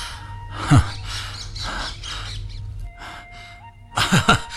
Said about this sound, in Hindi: अरे अरे मिट्ठू, अरे मेरे तोते, आओ आओ आओ आत्मा राम।